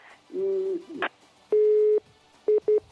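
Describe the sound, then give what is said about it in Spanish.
A telephone busy tone after a caller's phone call from Jimena de la Frontera dropped: a long steady beep followed by two quick short beeps, fairly loud, with a brief muffled warble just before. “Ay, pues se le ha ido el teléfono a nuestra amiga”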